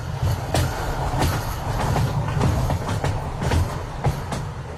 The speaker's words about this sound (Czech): Před Freibergem vede přes řeku Muldu vysoký viadukt, po kterém už skoro dvě století jezdí vlaky.